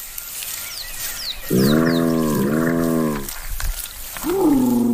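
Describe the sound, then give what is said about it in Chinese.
Spotted hyena calls: four quick, high descending squeaks, then a loud, drawn-out groaning call in two rich harmonic sections, and finally a rising, swooping call that trails off. “在动物世界中，斑鬣狗的形象并不好。它们长相丑陋，步态笨拙，就连叫声也有些古怪。”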